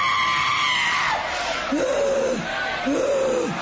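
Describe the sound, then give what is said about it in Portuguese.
A church audience shouts for Jesus to burn and cast out Satan in a loud, continuous roar, with a few long, rising-and-falling cries standing out above the dense mass of voices. “Vocês não gritam para Jesus queimar ele?”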